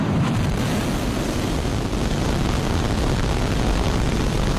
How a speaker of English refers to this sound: We have liftoff.